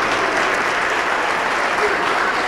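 An audience applauds steadily as more people come forward to give their lives to Jesus, a dense, even wash of many hands clapping at a constant loud level throughout, with no pauses or talk breaking through.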